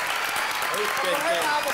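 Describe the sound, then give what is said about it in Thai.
Steady, dense hand clapping from several people, a continuous crackling patter that stays fairly even in loudness throughout, with voices calling out faintly underneath. “ตบมือหน่อยเร็ว”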